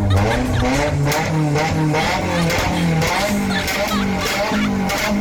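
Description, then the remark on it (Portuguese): A Nissan S15 sports car engine roars loudly, its pitch rising and dropping in repeated revs, with a raspy, continuous growl throughout. “Homem gosta disso, olha o ronco do meu S15, vai.”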